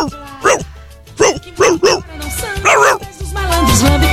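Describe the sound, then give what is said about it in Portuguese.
A person imitates a rich person's dog barking with a few loud, voiced "woof" sounds in an irregular rhythm, with a low background hum between them. “O cachorro do rico latindo.”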